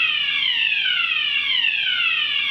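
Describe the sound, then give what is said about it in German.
A fire alarm blares steadily, a loud, shrill electronic tone whose pitch repeatedly glides downward in long sweeps, with no voices over it. “Feueralarm!”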